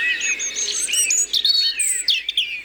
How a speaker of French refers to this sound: Rouge-gorge familier. Le rouge-gorge est cette petite boule de feu qui accompagne souvent le jardinier dans son labeur.